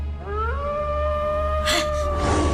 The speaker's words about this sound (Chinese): 金娃听到了狼的叫声，回头一看，却看到身后大棕熊正往回跑呢。